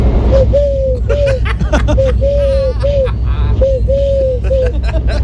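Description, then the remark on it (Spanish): A person imitates a turtle dove for a Canal Sur crew, making a steady run of soft, purring coos in a rhythmic series over loud crowd hubbub and low rumbling background noise. “Mira, hago la tórtola súper bien, mira.”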